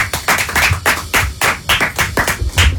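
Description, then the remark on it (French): Steady rhythmic clapping from a studio audience in the Super Show Énergie studio as the third duo enters, roughly ten sharp claps landing in an even beat over a few seconds, with no voices over it. “Applaudissements pour eux, s'il vous plaît.”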